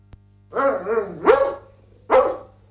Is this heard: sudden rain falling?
no